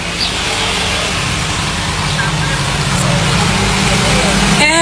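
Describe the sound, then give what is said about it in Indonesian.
A motorcycle engine idles steadily, a loud, continuous low rumble with a faint hiss over it, running throughout without any pause. “Mana ya kunci motor ya? Oh, ini dia. Helm sudah lengkap, surat-surat lengkap. Dah, siap berangkat.”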